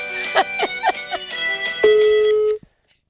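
A phone ringtone plays a quick melodic run of bright, bouncy notes, then holds one long tone before cutting off abruptly. Fairly loud, with no talking.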